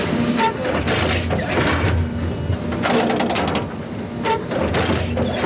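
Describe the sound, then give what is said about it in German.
A garbage-truck-sized hybrid turf stitching machine rumbles steadily at Europapark Stadium, moving forward slightly every few seconds and driving a row of needles into the natural grass to inject fibres; repeated mechanical thumps and hissing bursts recur every second or so, with a faint tonal whine and occasional bird calls. “Alle paar Sekunden fährt das Müllauto-große Gerät ein ganz klein bisschen weiter und sticht mit einer Reihe Nadeln in den Rasen vom Europaparkstadion.”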